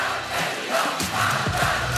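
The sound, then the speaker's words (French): A large, packed crowd of over 4000 political supporters cheers and shouts in a dense, continuous roar at a Gabriel Attal rally in a hall of the Parc des Expos, Porte de Versailles, as he makes his way through the crowd, with individual raised voices briefly cutting through the loud hubbub. “10 longues minutes pour fendre la foule, sourire aux lèvres.”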